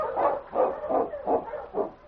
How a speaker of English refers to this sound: Look at King. He knows the scent of the boots he's been following continues beyond here. He's trying to tell me. Sounds like your dog's impatient.